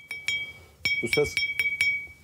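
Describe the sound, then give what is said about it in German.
A fired clay pot, fresh from a potter's kiln in Cappadocia, is tapped several times to check its quality, each strike giving a bright, high ringing ping that lingers briefly, the sound of a perfectly fired vessel, with a short burst of speech in the middle. “Dieses hohe Plingen gibt es nur, wenn das Gefäß perfekt gebrannt wurde.”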